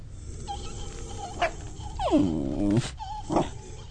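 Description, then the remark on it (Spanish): A dog called Cerbero growls in one drawn-out, wavering snarl that rises and then sinks, framed by a few short, sharp bursts and a low rumbling background, with no talking. “Vamos a darle de comer a Cerbero y enseguida volvemos.”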